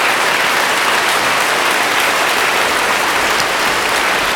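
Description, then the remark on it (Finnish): A concert audience applauds oboe soloist Kion Ham after an oboe concerto performance, in a dense, sustained wash of clapping, steady, even and loud, with no voices standing out. “Tällä vielä Kion Ham vastaanottaa kiitoksia yleisöltä hienosta oboe-konsertin esityksestä.”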